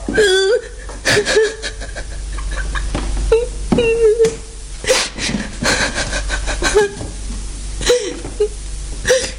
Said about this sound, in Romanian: Nu plânge. Te rog, nu plânge.